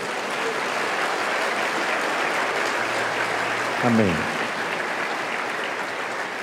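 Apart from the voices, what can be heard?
audience applause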